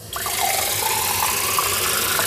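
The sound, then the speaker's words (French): Water runs steadily from a kitchen tap, a continuous rushing hiss that starts abruptly and holds at an even volume for a couple of seconds with no voices. “quelque chose a changé avec l'eau de son robinet.”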